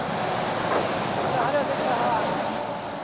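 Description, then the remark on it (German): Steady, loud outdoor wind rushes continuously with a hissing wash of sleet that is setting in, over a low rumble, at a three-lane road where a crew is recovering a stuck truck. Faint muffled voices surface briefly in the middle. “Doch der einsetzende Schneeregen erschwert ihnen heute die Arbeit.”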